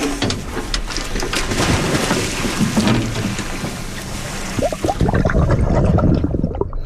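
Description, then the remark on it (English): Water churns and splashes as divers plunge overboard from a research boat into the sea with sea stars to release, a steady rushing wash broken by a few heavier slaps and gurgles near the end, with no voices. “the Samish dive team are getting ready to go overboard with the sea stars.”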